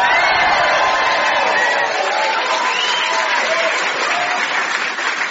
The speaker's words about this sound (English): To help me investigate patience, please welcome, first of all, with applause and a little bit of screaming like you do with rock stars, our musician Tom Basden.